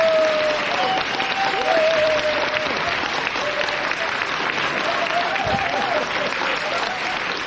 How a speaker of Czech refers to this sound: Potlesk.